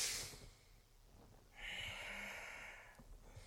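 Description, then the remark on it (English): Deep, airy breaths drawn through the nose during a morning yoga kriya in cat-cow pose: a brief rush of air at the start, then a long, steady inhale of about a second and a half, fairly quiet, with no talking. “Breathing really deep through your nose.”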